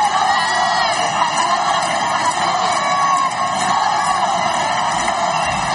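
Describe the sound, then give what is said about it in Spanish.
A large crowd of residents in Ceuta cheers and shouts continuously as the king and queen step out of the official car to greet them, a dense wall of voices with whoops and yells rising over the steady roar, fairly loud throughout. “Así fue el momento en el que los monarcas salieron del coche oficial para saludar a los vecinos de Ceuta.”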